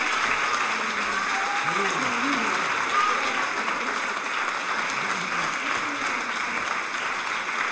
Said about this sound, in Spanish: Gran performance, fuerte aplauso para ella. Maravilloso.